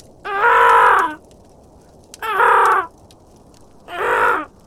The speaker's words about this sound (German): Mittlerweile hatte sich das Krächzen der anderen Raben zu einem lauten, schrillen Singsang gesteigert. Irgendetwas hatte die Aufmerksamkeit von Merlins Artgenossen erregt.